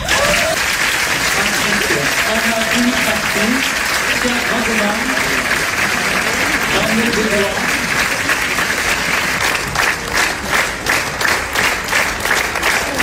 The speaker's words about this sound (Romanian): Jurnalul unei cameriste a fost aplaudat minute în șir la Cannes. Filmul a fost proiectat în premieră mondială în secțiunea Quinzaine de Cineast